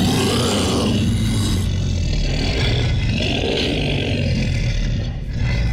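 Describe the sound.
A human voice, an announcer's, imitates a monster's roar made by Russian sound artists: one long, loud, gravelly growl with a deep rumbling texture that holds steady for several seconds before briefly dipping near the end.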